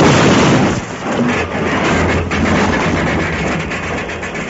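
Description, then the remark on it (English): A locomotive engine crashing in a train derailment that wrecks the whole train: a loud, sustained roar of grinding, rumbling noise that churns on without pause, heavy, with no voices. “What Deuce planned to have happen to the whole train. A derailment”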